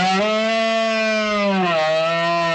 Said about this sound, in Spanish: Cuando septiembre asoma y el aire se vuelve más fresco, los bosques de la sierra despiertan con un sonido salvaje y milenario, el de los bramidos de los ciervos en celo que anuncian la berrea entre robledales y barrancos.